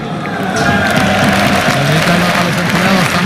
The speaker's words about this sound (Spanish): Aplauden los compañeros al lado de él.